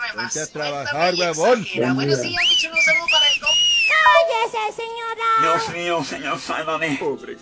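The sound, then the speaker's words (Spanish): A loud, bright wolf whistle, played as a requested sound effect, sweeps up and then down near the middle, with people talking on both sides of it. “Y ponme un chiflido sexy para iniciar con todo.”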